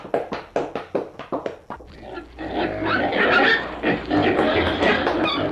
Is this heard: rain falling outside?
no